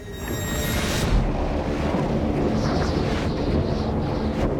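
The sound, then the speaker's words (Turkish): Blizzard wind in whiteout conditions on ice roars steadily and loudly, a dense rushing hiss with low buffeting rumbles against the microphone and brief whistling gusts, with no voices. “Tam anlamıyla beyaz fırtına koşullarına giriyoruz.”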